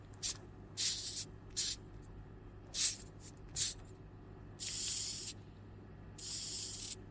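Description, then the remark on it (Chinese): A Madagascar hissing cockroach, feeling threatened, hisses by expelling air in a string of breathy, high-pitched bursts: several short puffs, then two longer sustained hisses, each fairly loud, with no talking in between. “就是它就会发出那种嘶嘶声，就是如果说你在它的面前去听的话，你其实发现声音也不小，还挺大的”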